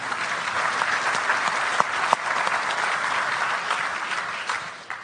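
Audience applause for a student from Trento about to ask her question, a dense steady clatter of many hands clapping at a fairly loud, even level, with a couple of sharper claps standing out before it tapers slightly at the end.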